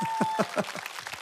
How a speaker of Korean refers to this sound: 다시 한번 박수 주십시오.